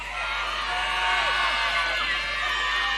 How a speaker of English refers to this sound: Now, with the same applause, let's welcome our top 18 to stage.